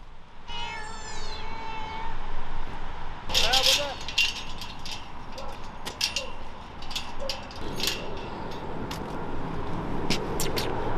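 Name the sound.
ragdoll cat meowing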